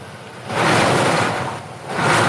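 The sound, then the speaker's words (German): A vehicle engine is started after the brake is pulled, cranking and catching, its broad rumbling roar swelling twice as it revs, loud and unbroken, with no voices over it. “Und jetzt probierst du mal zum Starten.”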